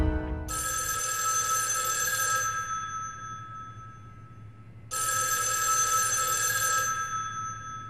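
A telephone at the Beiping branch bank vault rings in two long, loud bursts of bright metallic trilling, separated by a pause of about two seconds. No voices are heard.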